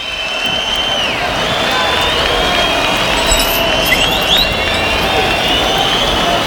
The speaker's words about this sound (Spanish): Sí, ahí escuchaba yo la silbatina que pide orejas. Ahora se piden las orejas con silbidos, aunque hay pañuelos.